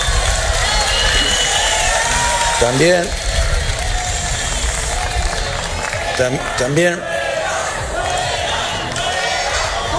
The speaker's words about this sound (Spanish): Son los abucheos a la ministra de Seguridad Social y de Migraciones, la señora Alma Sáiz, que ayer se encontraba en Melilla con motivo del Día de Melilla.